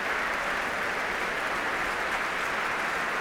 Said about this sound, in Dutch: En applaus nu ook voor de verschillende muzici.